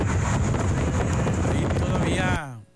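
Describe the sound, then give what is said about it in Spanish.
Strong wind roars and buffets a phone microphone in a video sent in by a viewer, no rain audible, a loud, continuous low rumble with gusty bursts, then cuts off abruptly near the end, leaving a brief fading tonal tail. “Pero sí, el viento se escucha fuerte.”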